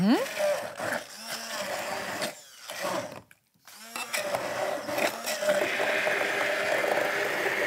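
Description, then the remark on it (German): A blender whirs loudly, pureeing strawberries in two steady bursts separated by a brief pause, with a high-pitched motor whine and grinding texture throughout. “So, unsere Erdbeeren geben wir also jetzt in das Glas und geben also jetzt zunächst mal in unseren Mixer hier rein.”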